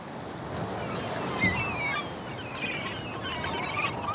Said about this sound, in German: Wellen, Wasser, Wind, das Krächzen der Möwen, das Knarzen der Leuchtturmtreppen, das Kreischen der Orkanböen, Jaulen, Jammern, Juchzen.